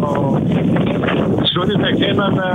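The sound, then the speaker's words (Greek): Strong wind buffets a field microphone during a reporter's live report from a wildfire, in a steady, loud rumbling roar that never lets up, with a voice talking faintly beneath it. “Αντιλαμβανόμαστε από την ανταπόκρισή σου, προσπαθείς να μιλήσεις και ο αέρας βγαίνει πραγματικά στον αέρα και το δικό μας.”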